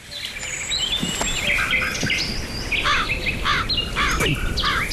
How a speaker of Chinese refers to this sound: 呸！哪里来的乌鸦？